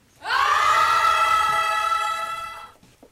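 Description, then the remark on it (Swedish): A group of young people scream together inside a Church of Sweden church in Härnösand, Sweden, in a campaign encouraging young people to scream in church. It is one loud, sustained, high-pitched cry that rings almost like a single held note for over two seconds before trailing off. “De uppmuntrar unga att skrika i kyrkan så att det hörs till himlen.”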